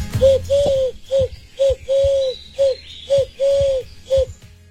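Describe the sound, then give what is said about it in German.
A series of about nine hollow, cuckoo-like hooting notes in an uneven rhythm, some short and some drawn out, fairly loud with no talking. It may be a hand-blown imitation. “Was ich weiß, ist, scheint sich um einen Kuckuck zu handeln.”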